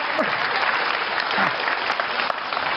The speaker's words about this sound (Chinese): 您鼓掌了，那我给您唱一段啊， 唠一唠。